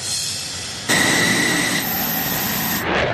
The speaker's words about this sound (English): This F-16 fighter jet blasting off from Andrews Air Force Base just after 7 a.m. in hot pursuit of this Cessna plane, which has entered restricted airspace in a training exercise conducted by the Coast Guard and NORAD.